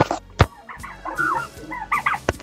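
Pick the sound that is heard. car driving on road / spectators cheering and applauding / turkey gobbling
turkey gobbling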